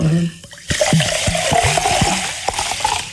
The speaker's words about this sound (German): Das wäre zum Beispiel ein geräuschvoll hergestelltes, geräuschvolles Lebensmittel. Sprudel gehört, glaube ich, zum Genuss von sprudelndem Mineralwasser auch dazu.